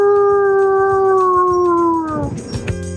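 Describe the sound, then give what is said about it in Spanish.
A person lets out a long, loud wolf-like howl, a single sustained tone that slowly falls in pitch before breaking off into rougher noise at the end. “¡Quiero ser tu lobo! ¡Au!”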